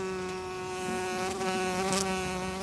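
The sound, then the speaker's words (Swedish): A bumblebee buzzes steadily for a few seconds, a continuous droning hum that wavers slightly in pitch and loudness, with no voices. “Humlan har 6 ben. Humlan är hårig och randig, gul och svart.”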